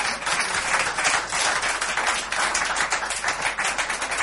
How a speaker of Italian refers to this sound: Nel frattempo, sul palco sta salendo Riccardo Savioli, che accogliamo con un applauso.